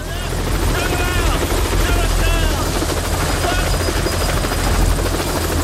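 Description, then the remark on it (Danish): A helicopter lands and stirs up dust over a work site, its steady rotor thump and engine drone filling the scene, with faint overlapping voices and chatter beneath the loud whirring. “Og lige pludselig så lander der en helikopter og støver hele arbejdspladsen til.”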